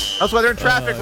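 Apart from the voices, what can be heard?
fire alarm beeping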